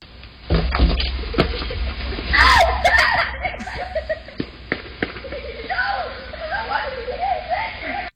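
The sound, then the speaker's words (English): Several children's voices shout and shriek over one another in excited, overlapping bursts, with high rising yells and a few sharp knocks scattered through the loud, busy clamor. “Wait, that one yell, is that you? No, it's kids. A group of kids.”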